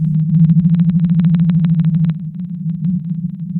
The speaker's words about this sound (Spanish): Ahora escucha el canto de la ballena azul.